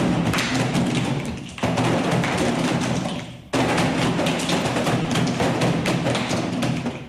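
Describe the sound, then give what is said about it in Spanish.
Many children drum together on chairs, playing a rhythm they were taught, in a dense, continuous patter of thuds and taps, with two brief pauses before the group rhythm starts up again, loud. “Me suena un poquito como al tambor de las turbas.”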